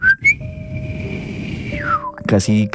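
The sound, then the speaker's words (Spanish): A person whistles a very soft, faint, sustained tone that holds steady for nearly two seconds, then slides downward, imitating a grandfather's gentle greeting whistle; low background murmur underneath and speech resumes right after. “Y siempre mi abuelito, cuando llegaba a visitarlo, que era sagrado, le silbaba, y le silbaba haciendo esto. Era un silbido súper leve, porque mi abuelito no era chiflido así de vamos a delinquir, sino era como...”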